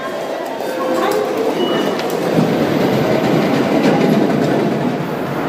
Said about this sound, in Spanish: Desde 2015, los trenes de alta velocidad Shinkansen llegan a Kanazawa. Aquí se puede tener una sensación similar a la de una montaña rusa. Estamos en el oeste de Japón, en la ruta entre Kanazawa y Toyama.